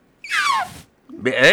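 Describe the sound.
Someone imitates a newborn elephant's call: two close, squealing vocal cries, the first sliding downward in pitch and the second a strained, nasal wail after a short pause.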